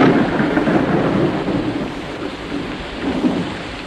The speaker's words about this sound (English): But the rain is pouring down now.